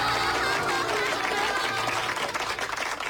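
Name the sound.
applause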